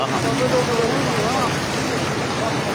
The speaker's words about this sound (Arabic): إذن مشاهدين، كما أشرنا مسبقا، قوة دفع المياه أخرجت الجسر الترابي عن الخدمة بشبه كلي، لكن كيف يبدو المشهد عن قرب؟ نتابع هذه المشاهد في هذه المادة. ده ما شاء الله قوة المي. يا قوة المي من عند الجسر الترابي.